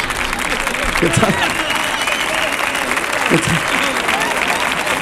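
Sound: audience applause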